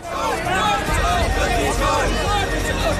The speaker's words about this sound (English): Chanting slogans and waving placards, they're making their way to the Supreme Court, where they want to submit a petition about the removal of millions of names from voter lists.